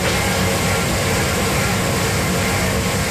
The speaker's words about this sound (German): Ist die Spülmaschine, die ist hier nämlich ganz wichtig. Hier ist alles ganz sauber, Edelstahlflächen, es ist gefliest. Wir sind nämlich in einer Käserei, der Hofkäserei Tangseel.